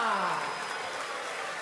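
Dense, steady crowd applause fills the short moment, a bright crackling wash of many hands clapping at once, with a brief falling tone sliding down at the very start.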